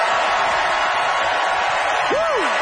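An audience applauds and cheers steadily and loudly to vote by applause for a debater who argued that dipping sauce is awesome sauce, a dense wash of clapping throughout, with a sharp rising-and-falling whistle cutting through near the end.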